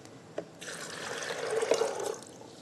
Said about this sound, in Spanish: Le vamos a poner también 1 2/3 de taza de agua.